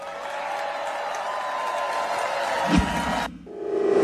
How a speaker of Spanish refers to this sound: Y lo aplauden ahí.